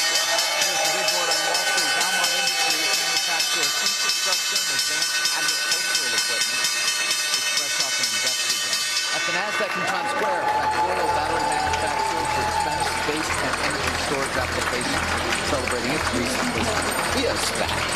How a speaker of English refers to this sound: Okay. Here's the opening bell.